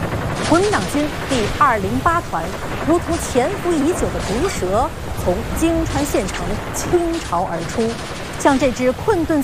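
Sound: gunfire erupting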